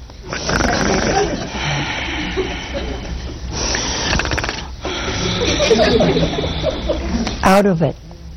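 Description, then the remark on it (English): A man imitates loud snoring with his voice, drawing out several rasping, rumbling snores in a slow rhythm, ending with a brief snort-like sputter. “And he was snoring.”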